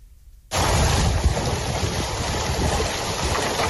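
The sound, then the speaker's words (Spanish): A heavy hailstorm in Nerpio, in the province of Albacete, Castilla-La Mancha, under an orange weather warning, roars in suddenly after half a second of quiet, a loud, dense, steady clatter of countless hailstones drumming together with no break, and no voices. “Ahora mismo se registran intensas granizadas en Castilla-La Mancha, la provincia de Albacete, donde hay aviso naranja.”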